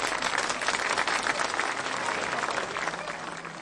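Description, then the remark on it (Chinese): A crowd applauds steadily, with dense, rapid clapping that holds at an even, fairly loud level throughout, with no voices rising above it. “哇，真不错，大家请鼓掌。”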